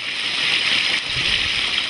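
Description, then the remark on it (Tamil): Steady rushing water pours continuously from an electric water pump motor, loud, with a constant hissing splash and a faint low gurgle underneath; no one speaks. “இந்த நீர் மோட்டருக்கு செலவு பண்ணவே தான் ஒழுங்கா இப்ப தண்ணி இறங்குது.”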